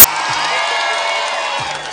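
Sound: audience applause and cheering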